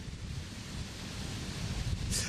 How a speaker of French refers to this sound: Écoutez, ici, il fait beau et il y a beaucoup de vent, mais la température est largement acceptable.